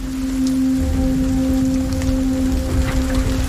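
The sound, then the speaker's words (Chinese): Steady, dense rain grows heavier as a storm sets in over open grassland, hissing across the whole clip, its low rumble thickening after the first second, with a faint sustained hum running underneath. “雨越下越大，他们开始找地方躲避。”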